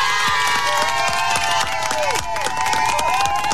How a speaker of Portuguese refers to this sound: Palmas!